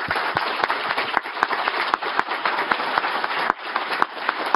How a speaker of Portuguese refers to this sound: Queria pedir uma salva de palmas para a nossa brava Polícia Militar.